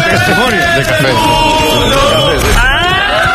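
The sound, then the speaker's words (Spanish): A packed bar crowd reacting to the Moto3 World Championship roars and yells together in a loud, dense clamor, ending with one odd, rising shout, not quite an irrintzi, that soars above the din. “Ese grito final es un, no llega a ser un irrinchi, es una cosa rara.”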